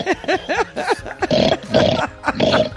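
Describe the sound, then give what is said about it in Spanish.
A person imitates a pig, making a run of rhythmic nasal grunts and snorts followed by longer, rougher squealing snorts, loud with no other sounds. “Qué bien te sale el cerdo.”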